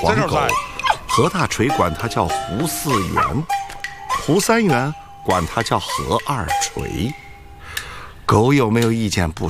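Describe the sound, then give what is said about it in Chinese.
A small yellow dog belonging to a theater troupe barks and yips excitedly, a rapid string of high, sharp yelps with a few short pauses, continuing loudly for the whole stretch. “剧团这只小黄狗，和大锤管它叫胡四元”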